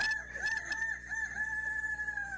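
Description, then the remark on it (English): A rooster, the grand champion of the 2026 Youth Rooster Crowing contest, crows loudly, one long, strained cock-a-doodle-doo held steady for a couple of seconds, with faint background noise underneath. “Your grand champion 2026 Youth Rooster Crowing Champ.”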